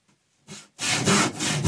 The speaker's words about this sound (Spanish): Da miedo el filo de ese serrucho, Pero no hace falta ni siquiera lijar después de eso. Ay, ay, ay. El serrucho en acción, sí, señor.